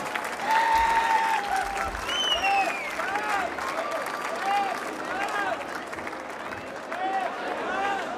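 An audience at a band concert applauds a performer, clapping steadily and densely for several seconds, with scattered whistles and shouted cheers rising above the continuous wash of applause.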